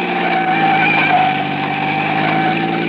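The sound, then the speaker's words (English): A car engine drones steadily as the vehicle drives along a dark, lonely road at the mouth of Oro Canyon, a loud, continuous hum with a constant pitch and no voices. “And then we were at the mouth of Oro Canyon, and I could see the road dark and lonely up ahead.”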